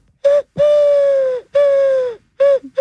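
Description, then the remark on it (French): A person imitates a turtle dove's coo with their voice: four steady, hooting notes, the second and third long and drawn out, with brief gaps between. Fairly loud, no talking. “Ah, la tourterelle.”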